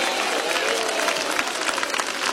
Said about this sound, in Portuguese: Isso, dá uma salva de palmas, vamos lá, bem bonito para Jesus, vamos lá. Mais alegre, palmas e glória a Deus.